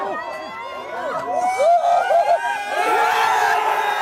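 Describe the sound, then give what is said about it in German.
A few dozen Belgian football fans at a pop-up public viewing near the cathedral in central Brussels at 2 a.m. erupt in cheers and shouts for a goal making it 1:0 in the 9th minute, many voices whooping and yelling at once, swelling louder and denser toward the end. “Jubel der Erleichterung.”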